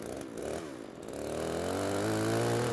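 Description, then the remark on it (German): A running chainsaw's buzzing drone climbs in pitch and loudness as it revs up and holds at a steady, strained whine, with no voices, as it is used to cut branches from a tree as close to the trunk as possible. “Er hat eine laufende Kettensäge in der Hand und ich bediene den Trecker und muss sehen, dass ich ihn da vorsichtig reinmanövriere.”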